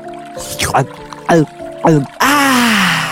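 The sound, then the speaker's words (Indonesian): Three quick gulping, slurping drinks in a row, fairly loud, as a mouse-deer drinks mountain river water at the riverbank, then a rush of running water with a voiced, satisfied exhale over it. The gulps may be made by a voice. “Kancil pun berhenti di tepian sungai untuk melepas dahaga.”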